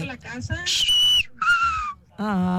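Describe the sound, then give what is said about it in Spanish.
A loud human whistle call in two sustained notes, the first high and dipping, the second lower and sliding down, with voices speaking just before and after. It is a father's whistle used to call his children. “Chiflido de mi padre en paz descanse cuando nos hablaba.”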